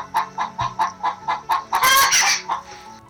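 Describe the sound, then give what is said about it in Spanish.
A hen clucks in a steady run of short, evenly spaced notes, then breaks into a louder, harsher squawking burst before one final cluck. No one speaks. “Me mata la gallina hablando ahí atrás. La gallina cacareando, tremenda, tremenda.”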